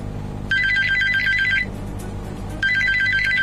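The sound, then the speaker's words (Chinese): A telephone rings at 2 a.m. on a winter night in 2015, in two loud trilling bursts separated by a second of quiet, the second ring starting just before the end, over a low steady background hum with no one speaking. “2015年冬夜，凌晨2点的电话让翟大龙瞬间惊醒。”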